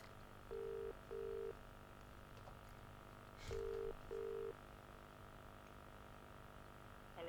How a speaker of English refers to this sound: The phone is dialing. We are ringing. And someone is about to either answer, or it's going to be a total disaster, and we have to call someone else. All right, we've got it ringing.